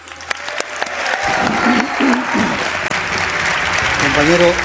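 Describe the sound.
Audience applause for a guest being introduced, beginning with a few scattered claps, then swelling into loud, sustained clapping from a crowd, with some voices calling out over it.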